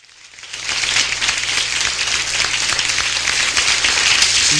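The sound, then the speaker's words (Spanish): A crowd breaks into sustained applause, swelling quickly from a quiet start into a dense, steady wash of many hands clapping that holds strong to the end, with no voices standing out. “A ver, arriba con ese aplauso.”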